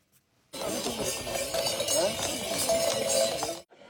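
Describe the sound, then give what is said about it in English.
Many small bells hung around the horses' necks jingle continuously as horses carrying children clip-clop along a 14-kilometer route at a festival in Iwate Prefecture marking the end of rice planting season. A steady, busy rhythm of hooves and chimes, with voices murmuring faintly in the background of this lively, fairly loud procession. “The name Chagu-Chagu is believed to come from the sound of the bells hung around their necks.”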